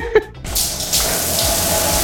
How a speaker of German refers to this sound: Wasser aus der Dusche.